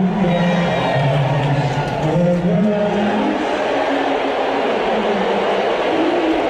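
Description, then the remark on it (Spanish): A large stadium crowd in New York boos loudly and steadily as Donald Trump is shown on the stadium screens during the national anthem, a dense roar of low, drawn-out voices that swells and wavers without a break for the whole stretch. “Son unos abucheos tremendos.”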